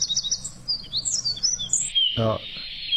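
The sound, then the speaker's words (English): Bird song of high whistled notes, ending in a long, steady flat whistle that holds one pitch, with a brief burst of low harsh notes beneath it near the end. “oh, I'd call that a flat whistle.”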